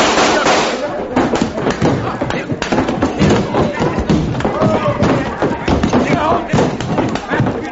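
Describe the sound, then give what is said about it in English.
Gunshots crack out in a rapid, loud, irregular string over nearly eight seconds in a judge's saloon, mixed with thuds and a busy scuffle of voices and movement. “Tulsa's grabbed his gun off the table. Here, and I'm gonna use it.”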